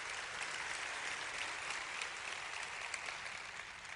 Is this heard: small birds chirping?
no